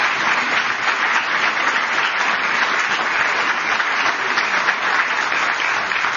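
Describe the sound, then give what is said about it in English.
Sustained applause from a large audience welcoming two speakers for a conversation, a dense, steady wash of clapping that holds at an even, fairly loud level for about six seconds without pause or voices. “I like a good crowd response.”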